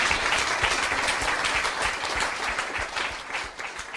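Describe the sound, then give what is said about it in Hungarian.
Sustained audience applause thanking Bishop János Székely after his lecture at Café Francesco, a dense, steady wash of many hands clapping at once, loud and even throughout with no voices standing out. “Kedves püspök atya, nagyon szépen köszönjük, és ezt a részt egy hatalmas tapssal köszönjük meg.”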